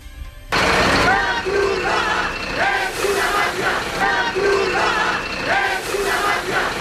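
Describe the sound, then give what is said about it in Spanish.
A large crowd of hundreds chants protest slogans, including "La Cruz Roja es una mafia", in a steady, repeating rhythm, many voices shouting together loudly, with a dense roar underneath, while blocking Red Cross food trucks bringing food to migrants on a beach in Ceuta. “La Cruz Roja es una mafia, cantaban.”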